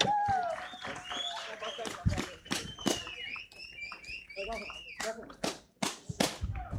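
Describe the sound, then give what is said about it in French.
Sharp, scattered hand claps ring out irregularly, mixed with shrill rising and falling whistles and some excited voices calling over them. “On applaudit bien fort.”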